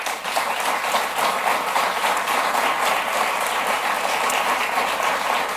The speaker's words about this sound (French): Et je leur remercie d'avoir servi le Québec dans les derniers mois et je propose qu'on l'applaudisse.